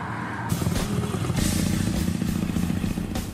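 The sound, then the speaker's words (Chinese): A motorcycle engine drones steadily, a loud, continuous low rumble with rising throttle surges as the bike rides along the Zhangzhou coastal road, about 100 km from Xiamen, China, by the sea with wind turbines and greenery. No voices are heard. “一个摩托车达人，在他的生活里，摩托车和美食几乎占据了全部。”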